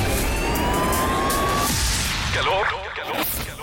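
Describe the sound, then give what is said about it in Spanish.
Busy city traffic roars steadily, with engine rumble and a passing siren wail, then fades slightly as voices and street noise continue. “El sonido de la ciudad. Tráfico.”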